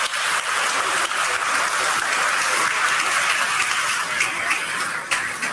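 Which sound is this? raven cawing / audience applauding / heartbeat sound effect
audience applauding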